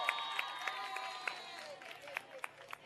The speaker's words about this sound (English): We all have the faves, but one of my faves are the young lady from Falkras. Can we please give Joanna Swartboy a huge round of applause?